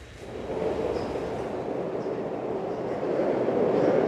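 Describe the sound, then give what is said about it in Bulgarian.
A metro train rumbles through Stadion Georgi Asparuhov, one of the new stations on line 3 of the Sofia metro, a steady, loud roar with a rattling undertone that swells slightly toward the end. No one speaks. “На една от новите метростанции Георги Аспарухов”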